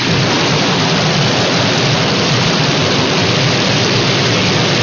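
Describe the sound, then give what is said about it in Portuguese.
A loud, steady downpour of rain with a deep rumbling thunder undertone, a dense continuous hiss that never lets up, with no voices. “Atenção, previsão de pancadas de chuva para a tarde e também à noite.”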